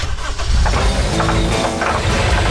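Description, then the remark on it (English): A vehicle engine runs steadily, a loud, rumbling low drone with slight rough fluctuations, heard alone without any talking. “That's your vehicle.”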